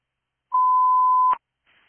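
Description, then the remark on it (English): A single steady electronic dispatch radio alert tone, loud and clear, holds for just under a second before cutting off with a sharp click, followed by a faint burst of radio hiss. “232 disregard tones.”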